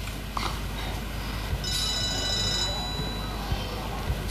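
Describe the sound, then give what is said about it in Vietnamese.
A telephone rings with a short, high electronic trill lasting about a second, rising over a steady, noisy background with faint murmuring and occasional soft knocks. “Thôi, anh đi xuống đi. Em nghe điện thoại.”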